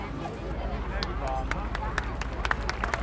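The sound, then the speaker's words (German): Scattered, irregular hand claps from an audience applauding a mixed group ring out at moderate loudness over a low background rumble, with a voice talking faintly underneath. “Genau, nochmal einen herzlichen Applaus und Dankeschön an die gemischte Gruppe”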